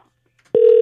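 A steady electronic phone ringing tone starts abruptly after a short silence and holds at an even pitch, clear, with no one speaking. It is a call placed by a Far East Broadcasting radio producer to a listener's relative in Tongyeong, South Gyeongsang, South Korea.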